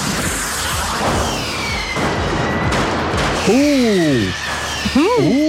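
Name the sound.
fireworks exploding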